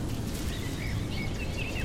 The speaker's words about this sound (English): Some birds are offering their songs, returning to the marshes of Crossness after long journeys from far-off lands to seek what they anticipate as familiar.